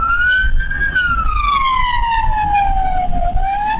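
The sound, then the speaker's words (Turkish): An ambulance rushing a patient in Büyükçekmece, Istanbul, Turkey, wails its siren loudly, its pitch rising briefly and then sliding slowly downward in one long sweep, with steady low traffic rumble underneath. “İstanbul Büyükçekmece'de bir ambulans hastayı yetiştirmeye çalışıyordu.”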